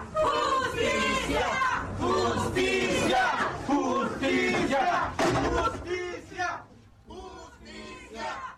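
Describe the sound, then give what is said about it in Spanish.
A crowd of family, colleagues and friends shouts '¡Justicia!' in unison at a tribute to murdered Oaxacan journalist Alejandro Leiva at the Asociación de Periodistas de Oaxaca, the voices rising and falling in a steady chant, loud and sustained before tapering off near the end. “Entre aplausos y demandas de justicia, familiares, colegas y amigos despidieron al periodista oaxaqueño Alejandro Leiva con un homenaje de cuerpo presente en la sede de la Asociación de Periodistas de Oaxaca.”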